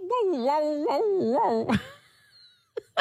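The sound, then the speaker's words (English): A human voice imitates a dog's yowl: a wavering, moaning howl with rising and falling pitch for under two seconds, then a sharp burst and two brief sounds. “Another question that I would be dying to ask my dog is, I don't know if for the dog owners out there, if your dog does this little yowl like that.”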